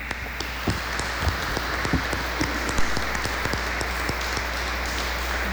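A crowd claps together in steady, dense applause, many hands overlapping into a continuous patter that holds at an even level throughout, with no voices standing out.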